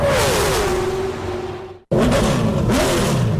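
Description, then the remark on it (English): A loud car engine revs hard in an advertisement for the NASCAR channel on Tubi, its pitch sliding as it accelerates, cuts out abruptly for a split second, then roars back up at full volume. No one speaks. “To rev your engines, NASCAR fans.”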